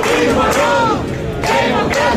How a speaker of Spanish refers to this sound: Gritos de fuera, fuera. Dentro, Elena Candia se ha convertido en nueva alcaldesa tras casi 3 décadas de gobierno socialista.